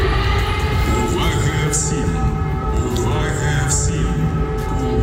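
Sustained wailing air raid warning sirens in Ukraine hold steady over a dense, constant rumble, with faint rising and falling pitch swells drifting through the steady drone.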